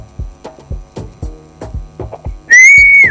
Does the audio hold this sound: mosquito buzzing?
no